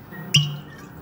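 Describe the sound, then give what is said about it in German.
A single blue-footed booby call rings out, one short, sharp squawk with a whistling edge that fades quickly, heard alone over a faint steady background hiss. “Blaufußtölpel leben auf den Galapagos-Inseln.”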